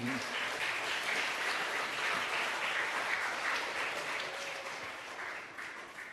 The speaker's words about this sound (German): wir begrüßen unseren Referenten Dr. Frank Feder nochmal mit einem Applaus